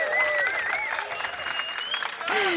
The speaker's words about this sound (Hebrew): איזה קהל סידרנו לך. מה זה? הכי טוב בעולם. מה זה? תעשו לעצמכם כפיים, הלו, חבר'ה.